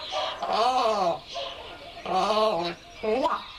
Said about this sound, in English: from deep gurgling croaks to colorful pops and shrill alarm calls, and they use them to communicate any number of things with ravens in their social group